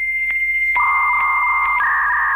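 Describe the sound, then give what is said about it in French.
Dial-up modem handshake tones as a modem connects to the Internet (World Wide Web): a steady high tone with regular clicks, then a second lower tone joins and holds, both shifting slightly near the end. Loud and electronic, with no voices. “Les plus anciens s'en souviennent, le son du modem qui permettait de se brancher au fameux WWW, World Wide Web”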